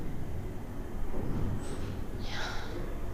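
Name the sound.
snoring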